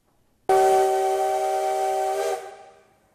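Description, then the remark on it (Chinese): The whistle of steam locomotive CT273 at the Yuli railway station platform in Hualien, Taiwan, blasts suddenly and holds one loud, steady chord with a hissing edge for about two seconds, then cuts off and fades away, as thick black smoke rises. No voices are heard. “随着汽笛声响起，浓浓黑烟升起，花莲玉里火车站的月台瞬间变成了铁道迷朝圣的现场。”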